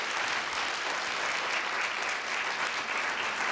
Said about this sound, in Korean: 아, 한 공연에서 여러 명의 지휘자와 호흡을 맞추는 공연을 한다는 게 여간 어려운 일이 아닌데 그 어려운 일을 해내고 있는 우리 부산 청년 국악관현악단 단원 여러분께 뜨거운 박수 한 번만 부탁드립니다.